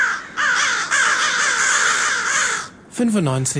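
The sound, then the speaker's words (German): Several crows caw loudly and harshly in a rapid overlapping chorus, followed by a brief pause and a final burst of caws. “95,9% der Hallenser Krähenpopulation empfehlen Radio Korax.”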